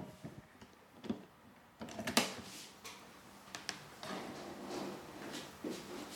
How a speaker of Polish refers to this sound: Mianowicie włączę nagrywanie i otworzę i zamknę drzwi. Zobaczymy, jak będzie nagrywał z dalszej odległości.